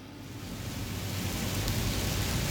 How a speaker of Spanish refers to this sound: Más lluvia. Con rayos. Escucha qué hermoso.